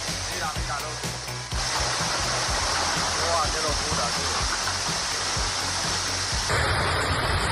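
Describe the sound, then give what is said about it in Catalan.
A heavy rain downpour during a storm with strong wind gusts and hail in the city of Tarragona roars steadily and loudly, a dense, unbroken rush of water filling the whole scene, with faint low murmurs beneath it. “ahir vam tornar a tenir una pluja molt, molt intensa, especialment a les comarques de Tarragona”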